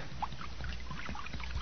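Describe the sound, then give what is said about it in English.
Acid pours steadily from a jug, a continuous splashing trickle dotted with small gurgling blips, holding an even level for under two seconds with no voices. “Well, I done found a jug of acid here. Now I'm going to start pouring it now.”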